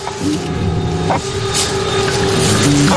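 An attack drone a few streets away, passing relatively far off, gives a steady, high-pitched buzz for about three seconds, its tone holding nearly constant over a rumbling, engine-like background noise.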